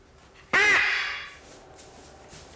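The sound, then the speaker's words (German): A single loud, harsh squawk from an Ara macaw bursts out, then rings off into a fading echo, leaving quiet with faint background noise. “Auch beim sogenannten Aramakau, der mit 90 cm sehr groß werden kann und einen entsprechend großen Schnabel hat.”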